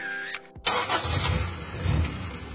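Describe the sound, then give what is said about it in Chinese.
A ten-year-old car's engine starts: a brief tonal whine, a split-second break, then the motor catches with a loud burst and settles into a steady, rough rumbling idle. No voices. “对嘛，像我这种10年老车妥妥的该退居二线了，超龄上岗有安全隐患，更何况咱们这不是单纯退休，是再就业。”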